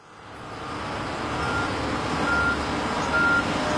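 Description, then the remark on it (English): A busy road construction site where a stretch of road is being resurfaced and traffic is not fully closed off, with a steady low rumble of heavy engines and traffic, while a vehicle's high reversing beeps sound faintly and repeatedly in the background. “Watch out for vehicles today, because we weren't able to close off all traffic for the stretch of road we're resurfacing today.”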